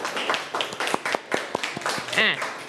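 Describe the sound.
A class claps hands in scattered, uneven bursts for a few seconds, with sharp slaps close by and voices chattering over and between them.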